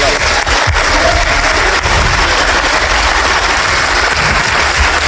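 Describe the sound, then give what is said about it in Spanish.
Loud, steady applause from many hands in the Congress of the Republic, a dense crackling wash of clapping that holds at an even level for about five seconds, with no voices over it. “Ahí le dan su aplauso.”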